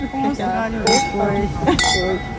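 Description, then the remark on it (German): Two bright glass clinks, about a second apart, each ringing briefly as two women touch glasses in a toast into a microphone, while voices chatter steadily underneath. “Und mögt ihr noch einmal für mich anstoßen ins Mikrofon?”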